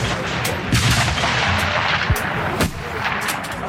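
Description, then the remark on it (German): Sharp rifle shots crack out at irregular intervals across the busy outdoor 300-metre shooting range on the Rossboden in Chur, some louder than others, over a steady rumble of background noise; a rifleman fires at a target on lane 46. “Der erste Schuss geht an der Scheibe vorbei.”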